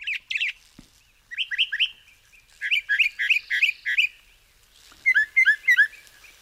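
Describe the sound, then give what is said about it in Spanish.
A northern mockingbird (Mimus polyglottos) sings in bright, repeated phrases, each short whistled note pattern delivered several times in quick succession before switching to a new one, clear with no voices. “Es el sinsonte norteño, nombre científico, Mimus poliglotos, seguramente el mejor cantante de Cuba.”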